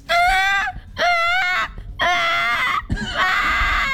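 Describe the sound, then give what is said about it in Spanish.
A voice imitates a crying baby in four loud, wailing bursts, each a high, strained cry with short gasping pauses between, the last one rising and wavering. “Un bebé llorando.”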